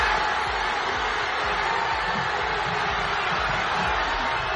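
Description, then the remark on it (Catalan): A large crowd celebrating a football victory roars and shouts at Parc Catalunya in Sabadell, where giant screens showed the match, a continuous loud wall of cheering voices with overlapping yells and whoops throughout. “Així sonava en moltes ciutats del país. Aquests són els crits, per exemple, a Sabadell, al Parc Catalunya, on hi havia pantalles gegants per seguir, una pantalla gegant per perseguir el partit.”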